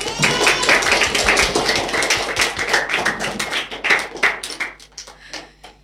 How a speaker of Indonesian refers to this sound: Tepuk tangan sekali lagi untuk teman-teman kita.